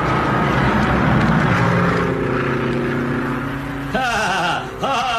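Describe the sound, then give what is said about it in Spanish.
A small propeller plane's engine drones loudly and steadily as it circles down to land on an improvised jungle airstrip, its buzzing hum then wavering and bending in pitch during the last second or two as it descends. “Había júbilo en el rostro del capitán, que miraba el aparato descender trazando círculos en el aire.”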